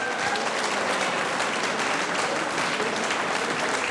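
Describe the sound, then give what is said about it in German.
A festival crowd at the ORF Radio Burgenland Frühschoppen in Wiesen applauds the strawberry queen and princess steadily, a dense, even wash of many hands clapping at once that holds its loudness for the whole few seconds with no voices standing out. “Das ist euer Applaus.”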